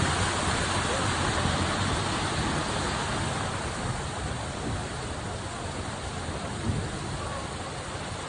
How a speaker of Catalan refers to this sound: Això que escolten torna a ser pluja intensa, en aquest cas que està caient aquest matí a Granollers